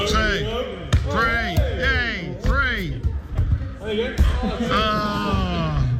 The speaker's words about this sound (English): So here's some of the highlights. Here's some of the highlights. Here are some of the keepy uppies from Aldershot.